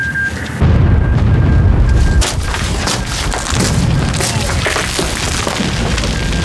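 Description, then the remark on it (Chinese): After a brief lull, a heavy explosion bursts out loud, followed by several seconds of deep rumbling and crackling debris that slowly settle without fully fading. “我是师指挥部，刚才的爆炸是怎么回事？”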